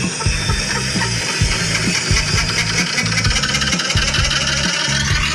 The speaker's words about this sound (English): Doesn't sound great, does it? Doesn't. I thought it was like a helicopter landing on our roof of the house. But it wasn't. It was just the washing machine and it was almost like the drum had come loose.